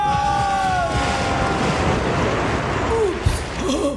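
A loud, sustained roar of surging water as a heavy woman jumps from the 10-meter board, a massive splash turning into a rushing flood wave, with brief whistling tones at the start and a dull thump near the end.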